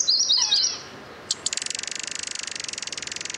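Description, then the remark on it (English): A common yellowthroat sings a quick run of bright, rolling whistled phrases. Then a rapid, steady trill of high clicks continues to the end. The sound is clear, with no voices. “Yellowthroats spend most of their time among low-growing plants and shrub branches.”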